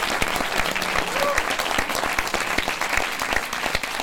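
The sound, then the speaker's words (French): An audience claps steadily throughout for a guest introduced as a figure of the gay and trans revolutionary movements since the 1970s, a dense, loud wash of many hands with sharp individual claps popping out of the texture and no pause. “Donc, tous vos applaudissements.”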